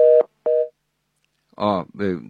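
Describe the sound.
Two short, steady telephone tone beeps sound clear as a caller's incoming call fails to connect, followed after a pause by a brief burst of a voice speaking.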